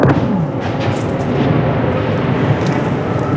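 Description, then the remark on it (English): A Russian jet-powered drone strike explosion in Kyiv, not too far away, recorded on a phone after air raid sirens, heard as a heavy, continuous low rumble and roar that stays loud and steady for about three seconds, with no voices. “And that was a Russian drone strike not too far away.”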